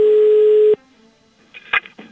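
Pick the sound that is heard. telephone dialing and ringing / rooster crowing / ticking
telephone dialing and ringing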